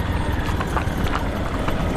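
A horse's hooves clip-clop at an unhurried, steady pace, crisp knocks about every half second over a constant low rumbling background.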